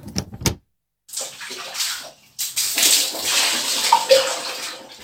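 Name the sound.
water splashing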